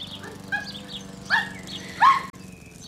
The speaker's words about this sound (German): Hm, ganz schön lebhaft. Wie halten Sie denn das aus mit dem Hund?